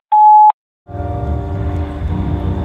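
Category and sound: signal or alarm, answering machine message tone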